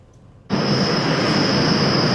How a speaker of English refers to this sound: residents near Bloor Lansdowne GO Station are calling for action from Metrolinx. They want the transit agency to install noise barriers in the area, saying the sound of passing trains is becoming unbearable.